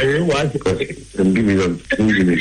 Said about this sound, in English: Secretary, forgive me, but there are some people appear to be having a conversation around you. If you could either let them move away or you move from them, because it's giving us an interference here.